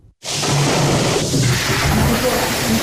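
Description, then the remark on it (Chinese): A loud, steady roar of wind and heavy rain from typhoon No. 13 making landfall on the coast of Taizhou, Zhejiang, China, a dense hiss that starts abruptly after a brief moment of quiet and continues unbroken without any clear rhythm. “风雨呼啸中，台州市路桥区新桥镇将当地老年驻餐中心临时改造为防台后勤餐饮保障基地”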